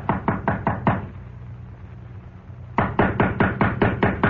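Two bursts of rapid knocking on an unlocked door, five quick raps then a pause of quiet before about eight more sharp, evenly spaced knocks, loud and insistent.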